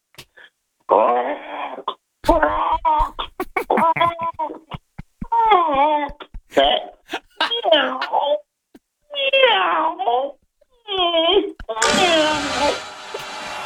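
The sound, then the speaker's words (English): A man's voice imitates a crow's caw and then a cat's meows: a loud series of about eight drawn-out, wavering calls, ending in a harsh, noisy burst. “I'd like to make two animal sounds, a crow and a cat.”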